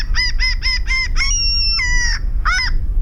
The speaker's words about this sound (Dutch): De stormmeeuw.